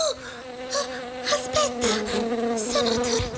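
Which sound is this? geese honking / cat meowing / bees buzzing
bees buzzing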